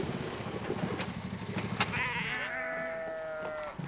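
A sheep lets out one long, quavering bleat lasting nearly two seconds, preceded by a stretch of low, rhythmic rumbling with a few sharp clicks. No one speaks.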